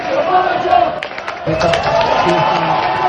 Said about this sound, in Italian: Parole e ricordi che hanno scandito l'appuntamento con la storia, quella di Divin Codino, accolto da una folla che ha intonato cori da stadio durante l'intera presentazione.